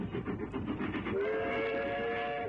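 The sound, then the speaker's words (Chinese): A train rumbles loudly overhead with a dense, rhythmic clatter, passing above three people on the ground near the Changbai Mountains and heading off into the distance; about halfway through a sustained steam whistle sounds over the churning noise. No one speaks. “火车隆隆地从三个人的头顶驶过，向着远方开去。”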